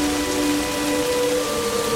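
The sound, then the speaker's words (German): Steady rain falls without pause, a dense, even hiss that fills the whole space, with a faint low tonal hum running underneath and no voices. “Erschrocken blickte ich mich im Regen um.”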